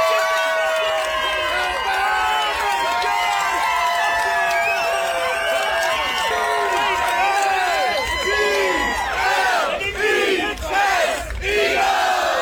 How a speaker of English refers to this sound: This is, you're going to tell by this cheer. This is a much happier NFL fan clip. They're cheering about something and, guess in the room, why are they cheering?